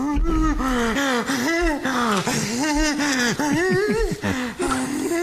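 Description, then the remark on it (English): Loud labored breathing of a person during an allergic reaction after eating a nut: a continuous run of strained, wheezy gasps, each breath carrying a raspy voiced tone, repeating rapidly for several seconds without pause. “I've had some issues breathing before.”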